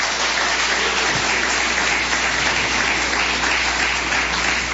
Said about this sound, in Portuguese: Só aqueles que têm a verdadeira paz, pode bater mais palmas, dar glórias.